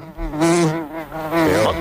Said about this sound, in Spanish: Mosca. Sí, es una mosca.